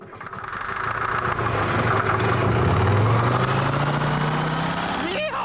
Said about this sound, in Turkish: Şansımıza motor bağırmaya başladı ve bu gayet iyi çalışıyor. Aslında tahmin ettiğimden çok daha iyi çalışıyor.